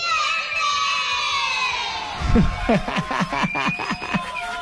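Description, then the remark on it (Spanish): A group of children in Cajamarca shouts and cheers joyfully together, high excited voices rising in a loud burst midway and continuing in overlapping bursts, with a crowd-like wash of sound behind them. They are shouting the phrase 'el amor vence'. “¿Te das cuenta cómo los niños gritan así, contentos?”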